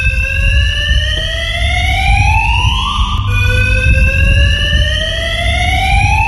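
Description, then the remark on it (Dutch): A loud electronic fire alarm wails continuously in a parking garage, its rising tone sweeping upward, dropping, then climbing again, with a low rumbling background reverberation. No one speaks. “Ja, en die omwonenden die liggen natuurlijk wakker van dat lawaai van het alarm, van het brandalarm.”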